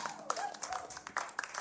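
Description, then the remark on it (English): A small audience claps in a steady, dense patter of hand claps, fairly quiet, with faint voices and brief calls mixed in. “So give it a round of applause.”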